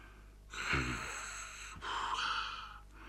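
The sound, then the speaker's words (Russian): A man snores while asleep on a couch in a living room, his head on a silk pillow: two long rasping breaths in a row, the first with a throaty rattle at its start, fairly loud against an otherwise quiet background. “Храпел он.”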